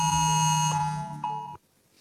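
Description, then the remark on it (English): A harsh, buzzing emergency alert siren from a federal government national warning system app on a mobile phone, being trialled in South Australia, blares loudly and steadily for about a second and a half, overriding silent mode, then cuts off abruptly, leaving near silence. “A federal government app will be able to play a loud alert siren on your phone anytime, override silent and do not disturb modes.”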